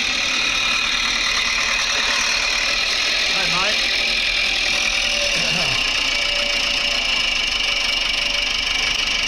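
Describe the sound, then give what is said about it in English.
A tractor engine idles with a steady, continuous rumble on a sunny Sunday, while a man briefly calls out a greeting over it. “Tractor's looking good.”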